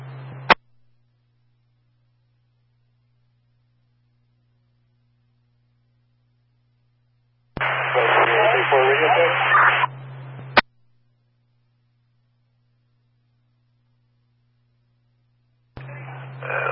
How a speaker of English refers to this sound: Lots of static.